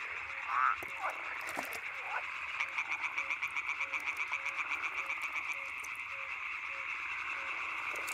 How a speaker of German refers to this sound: Ob Gelbbauchunke oder Teichfrosch. Alle versuchen mit dem Gequake eine Partnerin anzulocken.